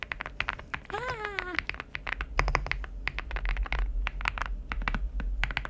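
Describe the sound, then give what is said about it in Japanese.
Rapid keyboard typing on a keyboard called Rainy that is used at home, a steady stream of crisp clacking keystrokes throughout, briefly joined early on by a short vocal sound like a voice laughing or babbling. “でもう一つは自宅で使っている方でございます、はい、皆さん違いを見つけていただければなと、はい、どうぞ。”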